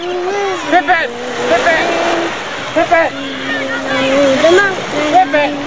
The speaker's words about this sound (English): The kids in the water splash each other playfully.